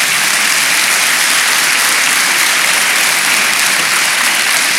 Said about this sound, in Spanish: Proverbios 3:5, denle palmas al Señor.